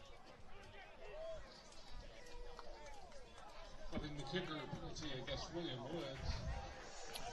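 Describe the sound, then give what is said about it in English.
A large stadium crowd at a football game between Mount Mercy and William Woods murmurs, then swells into a louder, sustained roar about halfway through after a roughing-the-kicker penalty, with overlapping voices and cheering blending into a broad wash of noise. “So the Mount Mercy's benefit, now a large roar from the crowd, trying to help to get their team back in it.”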